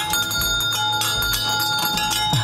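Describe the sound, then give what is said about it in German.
An original 1950s fire engine bell on a nostalgia carousel from 1958 rings in rapid repeated strikes, loud, its metallic tones sustaining in a continuous clanging over a low rumbling background. “mit der Original-Feuerwehr-Auto-Klingel aus den 50er Jahren.”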